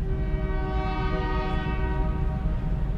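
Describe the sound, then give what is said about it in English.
A freight train hauling trash blares its horn in a long, steady chord while the heavy rumble of the passing train rolls underneath, loud throughout. “And to this day, it still does. Granted, it's just hauling trash. We've got to get rid of the trash some ways. And this is it.”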